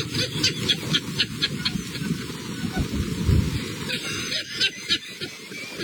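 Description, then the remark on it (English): Heavy rain hisses steadily on a golf course while deep thunder rumbles, swelling into a loud, booming crack near the middle as lightning strikes a man sheltering under a tree, filmed on a phone, before settling back under the downpour. “You can see in the video sparks and flame when the lightning hits.”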